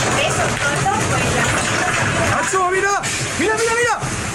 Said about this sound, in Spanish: Sonido nos llega de Murcia, donde hoy se han alcanzado los casi 45 grados. Un reventón térmico ha provocado estas rachas de viento de más de 80 kilómetros por hora, lluvia racheada y un descenso súbito de la temperatura de esos 45 grados a 32.